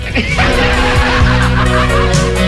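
Loud, continuous quacking from several ducks, calls overlapping in a busy, honking chorus with no talking.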